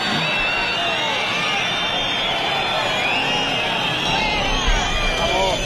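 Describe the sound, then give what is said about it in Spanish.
A large crowd of about 12,000 people at a Guardia Civil ceremony whistles and boos Spanish Interior Minister Grande Marlaska continuously, with many shrill overlapping whistles over a steady roar of jeering voices that stays loud throughout. “Grande Marlaska recibía pitidos y abucheos en este acto de la Benemérita.”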